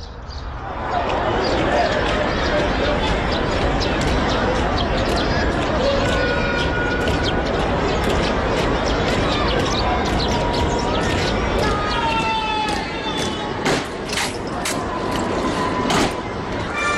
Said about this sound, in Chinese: 4:43，天安门城楼下传来了清脆的脚步声。当威武庄严的护旗方队踏上金水桥时，人声鼎沸的天安门广场突然变得一片寂静。